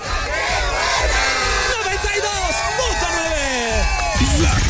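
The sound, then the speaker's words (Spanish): A crowd in Coyoacán, Mexico, lets out a loud, sustained collective shout, the Mexican grito, many voices whooping and crying out together in rising and falling yells that fill the whole clip without a break. “Denme su grito bien fuerte, el grito mexicano.”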